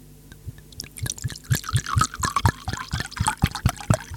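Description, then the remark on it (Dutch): A drink is poured into a glass, with a steady run of gurgling glugs and splashy bubbling that continues for several seconds at moderate loudness, with no voices. “Lijf ingeschonken, mensen.”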